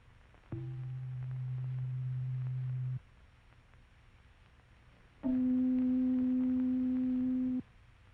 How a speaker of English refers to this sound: And now the sound of C below middle C.